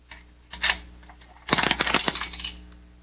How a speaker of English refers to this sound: Here's a dime. Throw it in the radio. No? Then I'll throw it a dime.